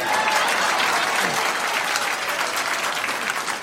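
A crowd applauds steadily, voting by applause in answer to a speaker's question. The dense clapping forms a loud, even wash of noise that holds for several seconds without any voices standing out.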